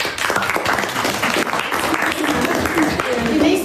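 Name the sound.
applause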